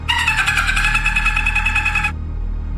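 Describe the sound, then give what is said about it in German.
A person imitates a dolphin with a high, rapidly pulsing chatter-squeal that holds steady for about two seconds and then cuts off, heard alone over a low background hum. “Ist dieser Ton ein Delfin oder ein Mensch?”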